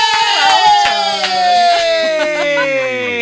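A crowd cheers with a loud, sustained whooping cry that slowly falls in pitch, several voices blending together over about three seconds.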